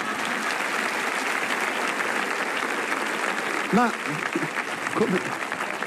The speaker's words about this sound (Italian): Potete applaudirvi.